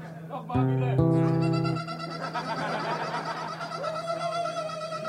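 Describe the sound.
A voice imitates a car alarm with a loud, buzzing, nasal tone held for just over a second. Fainter wavering sounds and a short rising whoop follow over steady background noise.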